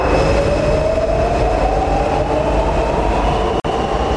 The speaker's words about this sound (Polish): A dzisiaj jesteśmy w metrze? Tak, właśnie to mnie skłoniło do tego, żeby metrem się przejechać, bo tego na co dzień nie robię, tak.